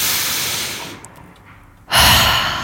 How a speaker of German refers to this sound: So Leute, jetzt nehmen wir uns mal kurz einen Moment und atmen einmal zusammen tief durch.